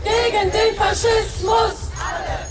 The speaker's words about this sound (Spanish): Ayer manifestaciones en Berlín contra el fascismo y eso gritaban.